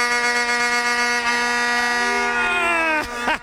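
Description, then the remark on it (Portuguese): A vuvuzela, blown by Brazilian fans celebrating in Times Square, Manhattan, blares one loud, steady, buzzing low note for about three seconds, then sputters into a couple of short wavering blasts at the end. “Solta a vuvuzela, solta a vuvuzela.”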